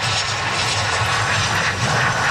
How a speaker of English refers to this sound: A plane carrying 4 Canadians from Spain's Canary Islands landed in Victoria last hour.